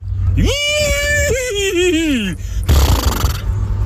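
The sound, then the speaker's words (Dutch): A man's voice imitates a horse's whinny as the winning entry in a horse-imitation contest, a loud, rising then wavering neigh lasting about two seconds, followed by a brief breathy snort-like burst. “Nu is heel Nederland benieuwd hoe klink jij als paard.”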